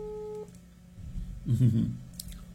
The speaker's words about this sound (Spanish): A ver si nos contestan en la oficina de radio. Es el teléfono de la oficina, me imagino.